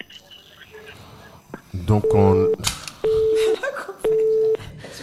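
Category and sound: signal or alarm, phone line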